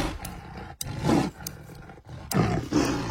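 A tiger roars loudly in a series of deep, rumbling growls, each surge swelling and breaking off before the next, with no talking.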